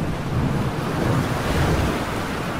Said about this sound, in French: Imaginez. 4 heures du matin, la mer est déchaînée, des vagues martèlent la coque.